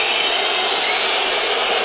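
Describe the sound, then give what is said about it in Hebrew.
A football stadium crowd boos and whistles at player Yehezkel as he gets up before being substituted in a match between Maccabi and Be'er Sheva, a steady, loud roar of massed voices that holds at the same level throughout, with no talking heard above it. “הוא זוכה כמובן לשריקות בוז.”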